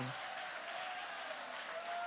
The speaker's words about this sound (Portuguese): Vai, levanta a mão e vai aplaudindo.